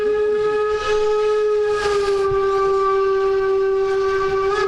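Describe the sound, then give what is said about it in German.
On a chilly day, a locomotive rumbles past at about 24.7 km/h while its horn blares one long, steady, mid-pitched tone that holds loudly for the whole stretch, wavering only slightly over the broad mechanical roar. “Da kommt die Lok wieder mit unseren Jacken. Jetzt fährt er durch, hupt nochmal Wind und Stoffabflug.”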